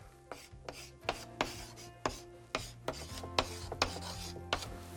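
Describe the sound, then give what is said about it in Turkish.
A pink pen scratches across paper in a quick series of short, raspy strokes, some sharper than others, over a soft, steady tonal background with no talking. “Pembe kalemimle buraya yazıyorum.”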